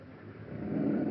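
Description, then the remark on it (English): A woman patient's labored, rasping breath with a steady hiss of oxygen flow as she breathes on her own while an ambulance is on the way, swelling louder toward the end of a brief moment with no one speaking. “Is it the forced breathing that's making the noise?”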